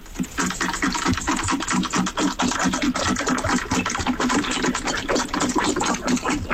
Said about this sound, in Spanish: Claro, yo ahora solo escucho al perro bebiendo agua. Claro, yo ahora ya solo escucho al perro bebiendo agua.